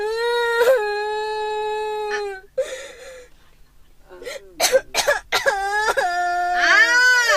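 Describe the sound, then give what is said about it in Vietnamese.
A child wails in long, high-pitched sustained cries, broken by sharp gasping sobs and sniffles, then rises into another loud drawn-out wail. “Mày lại còn gào cho tôi nữa.”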